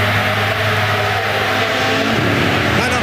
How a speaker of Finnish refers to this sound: Ja sitten sinne saadaan seuraava auto jo maaliin